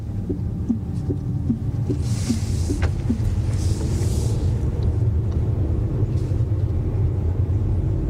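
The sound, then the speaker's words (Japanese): Steady low engine rumble and road noise from inside a car driving on the Yatsugatake Kogen Line road in Japan, continuous and fairly loud, with faint rhythmic ticking and occasional hiss from tires on a surface still wet from the morning's rain. “今ですね、車は八ヶ岳高原ラインという道に入りました。”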